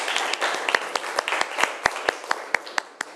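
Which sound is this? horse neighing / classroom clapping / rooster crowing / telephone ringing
classroom clapping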